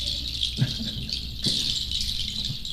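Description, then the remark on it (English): A steady chorus of high-pitched bird chirps and trills fills the background without pause, joined by a couple of soft low thumps; nobody speaks. “The voice of birds.”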